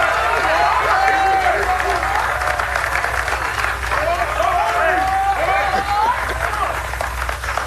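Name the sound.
audience applause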